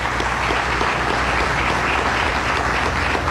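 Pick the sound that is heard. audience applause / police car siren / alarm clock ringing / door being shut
audience applause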